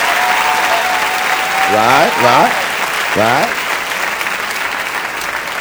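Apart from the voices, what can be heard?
audience applause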